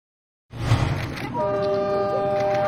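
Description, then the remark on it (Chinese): A suburban commuter railway train rumbles by, then a sustained, steady horn blast sounds over the rolling noise and holds to the end. “王建东乘坐的通勤小火车和刘鑫追逐的开往春天的列车有一个共同的名字，市郊铁路”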